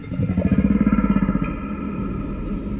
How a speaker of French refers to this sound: Ah, on dirait que quelqu'un a aimé votre chant. Oh non, ça n'a rien à voir, Denis. C'est une baleine qui propose d'aller pêcher avec elle.